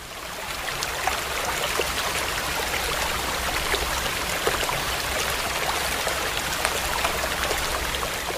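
The Sùng Đô mountain stream in Sơn Lương, Lào Cai province, rushes steadily, its broad, hissing flow of water continuous, with small splashes and droplets flickering through the roar and no voices present.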